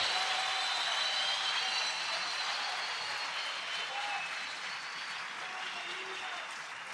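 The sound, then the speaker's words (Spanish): An audience claps in steady, dense applause that holds at an even, fairly loud level for the whole stretch, a broad hiss of many hands with faint scattered voices underneath. “¿Por qué tiene miedo de aplaudir si el Espíritu te está moviendo?”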